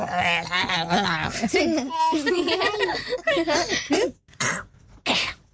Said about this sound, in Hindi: ऐसे करता है? ये तो खांसी हो गई उसको, कफ सिरप दे दो।